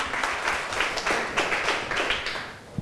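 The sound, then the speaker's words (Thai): A group of students in a classroom claps for a classmate who has just presented, a dense, steady patter of many hands that carries on evenly for a few seconds with no voices. “ขอบคุณค่ะปรบมือให้เพื่อนหน่อยค่ะ”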